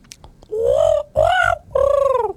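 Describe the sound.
A person imitates a magpie with three drawn-out, warbling calls in a row, fairly loud, separated by brief pauses, with no talking.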